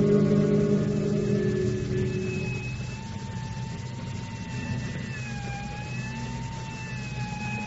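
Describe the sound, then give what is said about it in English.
A burglar alarm rings on and on in shrill, high, slightly wavering tones, loud and steady throughout, across the street from shattered plate glass on a quiet Sunday, with a deep engine rumble underneath during the first few seconds. “across the street, where plate glass lay in shattered fragments on the sidewalk, and the burglar alarm shattered the Sunday quiet with its shrill ringing.”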